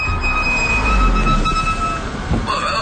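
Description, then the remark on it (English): Car brakes squeal from worn brake pads with a sustained, high-pitched metallic whine over a low rumble of the vehicle, loud, holding steady for a few seconds before shifting slightly at the end. “Brakes are hard to miss. Yeah, they've been making some noise. Yeah, that's usually worn pads.”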